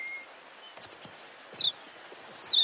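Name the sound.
human imitating bird calls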